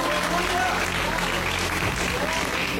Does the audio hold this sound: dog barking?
no